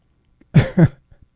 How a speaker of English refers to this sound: If you can stop coughing.